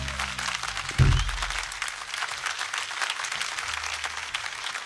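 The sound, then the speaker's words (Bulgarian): Sustained audience applause at a quartet concert for pianist and keyboardist Steve Hamilton. A dense wash of many hands claps at steady volume, with a brief low thump near the start and no speech over it. “Моля вашите силни аплодисменти за Стив Хамилтън, пиано и кейборди.”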